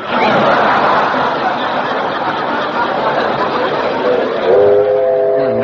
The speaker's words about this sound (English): Quiet. Didn't I hear a train? Oh, the 4:19, I guess. Yeah, right on time.